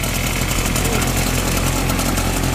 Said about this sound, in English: I pulled the starting cord so he can so the motor starts working, and he can do his thing, spray the concrete.